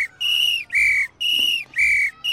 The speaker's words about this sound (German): dann heißt das: Achtung Leute, Gefahr, alle Mann sofort zurück. Die Pfeife ist da das beste und schnellste Hilfsmittel.